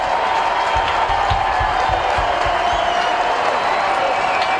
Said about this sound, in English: And sinker makes it nothing and two, and the Braves down to their final strike. Saturday afternoon crowd of 35,140 rising.